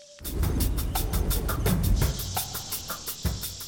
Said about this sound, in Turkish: Hadi biraz kaynatalım ki su içebilelim. Bu kaynatma sayesinde tüm bakteriler ölecek. İşte bu. Kaynıyor.